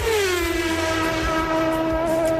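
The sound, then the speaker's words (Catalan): A car overtakes, its steady droning engine tone sliding slightly lower in pitch as it passes, with a rumble underneath. The sound stays loud and even throughout, with no voices. “Què és aquest efecte? És un cotxe? Que és, això què és? Un cotxe avançant, és això? Exacte.”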